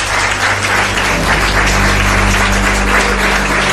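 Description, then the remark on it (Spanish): A crowd applauds steadily for the first two guests of a show. A dense wash of many hands clapping holds at a constant loud level throughout, with a low hum beneath and no voices. “Pido un aplauso para ellos dos, nuestros primeros invitados.”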